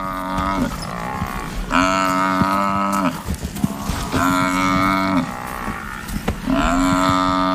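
An African buffalo, attacked by four lions that dragged it down a riverbank, bellows loudly in long, strained, harmonically rich calls as it struggles to stay standing, three drawn-out cries in a row with rough grunting and scuffling noises in the short gaps between them.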